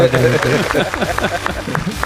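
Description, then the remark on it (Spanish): A few scattered hand claps, roughly evenly spaced, sound under overlapping Spanish-speaking voices applauding for a soundtrack. The claps are sharp but modest, mostly masked by the ongoing talk and laughter-like chatter. “Bueno, aplaudimos, ¿no, chicos? Aplaudimos.”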